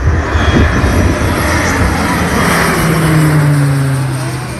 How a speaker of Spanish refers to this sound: Los medios aéreos han aprovechado hasta los últimos rayos de sol para realizar descargas. Este es el sonido que dejaba un avión de carga en tierra hace unos minutos.